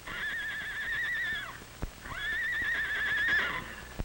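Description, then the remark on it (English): Two long, quavering whinnies from the horses Charlie and Nellie of Mr. Mardell's ranch, running away during a fire, one after the other, with a faint clip-clop of hooves scattered beneath them, moderately loud. “Why, Charlie and Nellie from Mr. Mardell's ranch are running away.”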